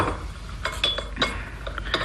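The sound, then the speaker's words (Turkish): Several light glassy clinks and taps sound at an irregular rhythm as a tray of tea glasses is brought and set down, over a low steady background hum. “Getir tepsiyi şöyle ortamıza koy.”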